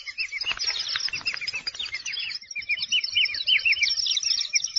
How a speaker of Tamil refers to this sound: இன்று நாம் கேட்கப் போகும் பறவை நம்ம மேற்கு தொடர்ச்சி மலைகள்ல பசுமை நிறைந்த காடுகள்ல மட்டுமே அதிகமா பார்க்கப்படும் ஒரு எண்டமிக்கான பறவை